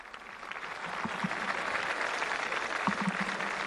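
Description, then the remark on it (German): A large crowd at a papal Mass in Tenerife cheers and applauds steadily, shouting "Long live the Pope", a dense wash of clapping and excited voices that stays loud and unbroken throughout, with occasional shouted calls rising above the din. “Es lebe der Papst, ruft die jubelnde Menge.”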